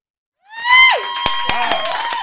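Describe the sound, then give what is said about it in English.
A loud, high-pitched yell made on purpose directly into the microphone, rising sharply and held for nearly two seconds, with harsh crackling bursts from the mic overloading. “You just yelled really loud into the microphone.”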